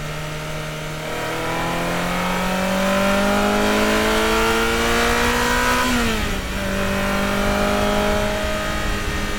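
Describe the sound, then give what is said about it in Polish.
A 1990s Ferrari F355 sports car engine revs up in rising harmonic sweeps, climbs steadily, briefly drops as it shifts gear, then pulls again. Loud and continuous, with no talking. “No i posłuchajmy takiego sobie Ferrari z lat 90. Ferrari F355.”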